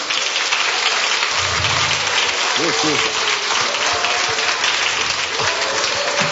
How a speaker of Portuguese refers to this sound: E as palmas para Jesus.